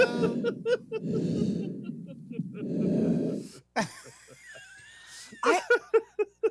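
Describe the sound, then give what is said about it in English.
Heavy, hissing breaths through a CPAP machine, three long rushing inhale-exhale cycles, followed by a person talking and chuckling over faint breathing. “Somebody recorded me with a CPAP machine.”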